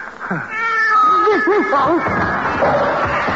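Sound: cat meowing and caterwauling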